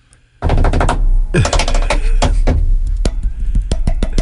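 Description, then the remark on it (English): Rapid, irregular metallic and wooden taps from two small hammers struck on different surfaces around a room, such as wood, metal and glass, picked up by a lavalier mic; sharp clicks of varying pitch and loudness, with a steady low rumble underneath and no voices. “I wore a lavalier mic, and I had two of those small, tiny hammers.”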